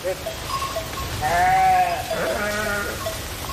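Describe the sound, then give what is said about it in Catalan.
A public flock of sheep and goats bleating in Vilamòs, in the Val d'Aran, with overlapping wavering calls rising out of a steady outdoor background, one loud bleat followed by several others. “Aquest és el ramat públic d'ovelles i cabres d'Obigüe, que ara treballarà també en la neteja del sotabosc de les línies elèctriques que hi ha al municipi.”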